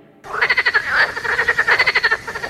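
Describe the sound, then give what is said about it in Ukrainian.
A frog croaks in a fast, steady run of raspy pulses, loud, continuing without pause for a couple of seconds with no voices. “Місце, де ваші діти можуть побачити жабу не лише в телефоні.”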